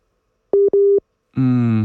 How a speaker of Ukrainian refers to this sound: Отже, будемо намагатися зараз, напевно, ще раз зв'язатися з нашою гостею. Чуємо лише гудки. Немає зв'язку поки що. Будемо робити зараз все можливе, щоб все ж таки якось його встановити.